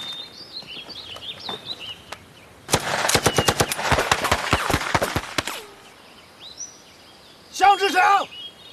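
A loud, rapid burst of machine gun fire, fired on the company commander's order, rattles for about three seconds, followed after a pause by a shorter burst. Faint bird chirps are audible before the shooting starts.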